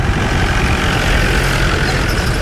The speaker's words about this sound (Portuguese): conduz o jeep que entra devagar aos solavancos pelo único caminho de terra que atravessa Corno de Bico